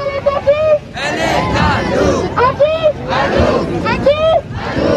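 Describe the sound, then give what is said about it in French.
A large protest crowd in Paris, including CGT trade unionists, socialist elected officials and NGO members, chants slogans at CRS riot police in loud, rhythmic bursts, voices rising together in repeated shouted phrases over a constant background roar of many people. “Scandée par une foule parmi laquelle figurent des syndicalistes, notamment de la CGT, des élus socialistes et des membres d'ONG.”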